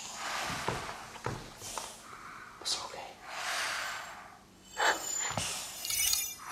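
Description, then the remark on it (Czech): Soft, high tinkling chimes ring out in a few brief, delicate bursts, mixed with breathy whispering and faint glassy clinks throughout; the tinkling is a fairy's speech. “Slyším něco jako cinkání.”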